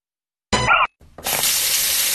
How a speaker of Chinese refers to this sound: 一个关不紧的水龙头，一个月流掉一到六立方米水